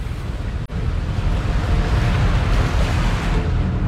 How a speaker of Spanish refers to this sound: el barco se hace a alta mar durante 4 días.